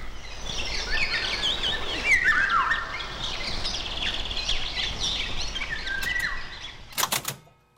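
A Eurasian golden oriole sings clear, fluting whistles among a busy chorus of other birds, all fairly close outdoors, with a few sharp clicks near the end.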